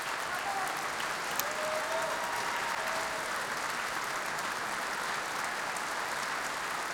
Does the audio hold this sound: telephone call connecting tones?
no